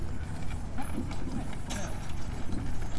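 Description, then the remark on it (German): Heavy hooves clop steadily as a team of oxen approaches pulling an old farm wagon, a continuous rumbling procession with occasional sharper knocks, moderately loud. “Da kommt das Gespann mit den Bullen, also oder den Ochsen.”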